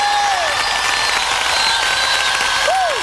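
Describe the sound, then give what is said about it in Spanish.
A large stadium crowd applauds loudly and steadily, a dense wash of clapping with cheers and whistles rising over it for the whole stretch. “Y quisiera escuchar ese aplauso fuerte.”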